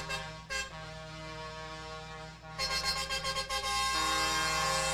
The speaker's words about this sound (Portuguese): Olha a buzina aí do pessoal da Stang, vai passando por aí.